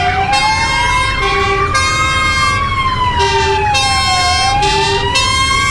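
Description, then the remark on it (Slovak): Fire engine sirens wail loudly and continuously, their pitch sliding slowly up and down in overlapping sweeps, with a steady rumble of engines underneath and no talking, at the start of a large firefighting exercise near Prievidza, Slovakia, simulating a collision between a bus and a van. “Takto vyzeral začiatok veľkého hasičského cvičenia neďaleko Prievidze.”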